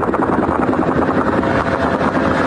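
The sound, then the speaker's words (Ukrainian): A loud, steady engine drone from a drone attack on the Moscow oil refinery in Kapotnya, Russia, runs unbroken for a few seconds with a dense, rumbling buzz and no voices. “Це атака на московський нафтопереробний завод у Капотні – один із найбільших у РФ.”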